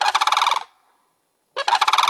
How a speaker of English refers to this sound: Pitch shifting it down, adding more layers to it. So it seems like it's not just, oh, we're listening to a small bird somewhere, but actually this, you can hear it being a much larger animal.